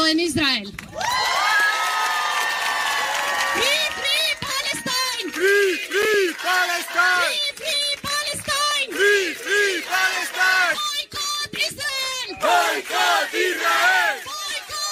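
A large crowd of supporters in Barcelona cheers and chants in unison, loud rhythmic shouting that rises and falls in repeated bursts, with a long collective cry at the start before the chant settles into a steady beat.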